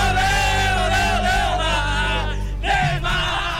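A dense crowd roars and shouts together, a loud sustained wall of cheering voices with rising yells, close and continuous throughout.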